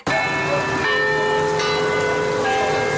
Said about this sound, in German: Das Glockenspiel im Turm des Kopenhagener Rathauses. Für Einwohner und Touristen gleichermaßen ein ikonischer Klang.